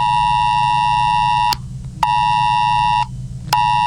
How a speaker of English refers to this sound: Millions of phones have received an emergency warning as part of national testing. The alert was sent out to any compatible device with a SIM card that wasn't off or in flight mode.